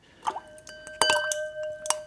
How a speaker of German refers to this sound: Eiswürfel im Glas höre ich.